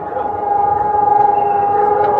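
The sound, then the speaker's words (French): An air raid siren blares a loud, steady, unbroken tone for the whole stretch in Taipei, Taiwan, during an air raid drill, with a low rumble of background activity beneath it. “Sur chaque téléphone, l'annonce de l'alerte aérienne.”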